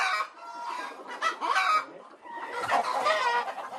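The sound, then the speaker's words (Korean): A flock of laying hens clucking steadily and overlapping inside an egg-laying henhouse on a farm, their busy chatter continuous, with no talking. “닭들이 알을 낳는 산란장.”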